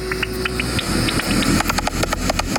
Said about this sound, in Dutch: En dan loop je dus ook in het donker met zo'n beddetector door het bos. Gaaf. En wat je dan hoort is als er een gewone dwergvleermuis. Ja, want je hebt een app en dan kan je, ja. En dan komt er nu een gewone dwergvleermuis langs.